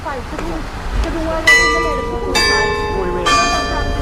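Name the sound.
church bells ringing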